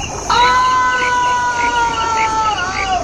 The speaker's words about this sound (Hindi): ओह, ये तो किसी बालक की चीख थी। कहीं मैंने नहीं, ऐसा नहीं हो सकता।